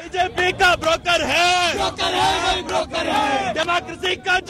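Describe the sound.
A large crowd of thousands of protesters chants and shouts together in rhythmic bursts in New Delhi, India, demanding the resignation of the Election Commission's president and a review of the census, loud and dense, with many overlapping voices rising and falling in a steady cadence.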